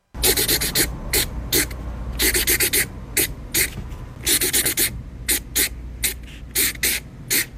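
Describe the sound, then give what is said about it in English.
A marker scratches across paper, playing a song's rhythm for a guess-the-song game, in a rhythmic series of hissy strokes, some quick and clipped, others drawn out, repeating in a steady pattern over a faint low hum. “So he's scratching and on paper song, with a marker.”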